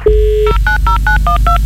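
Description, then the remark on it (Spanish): A dial-up modem dialing out: a short steady dial tone, then a quick, evenly spaced run of about seven loud touch-tone beeps, clear over a low background hum. “Uy, ya volvimos al módem.”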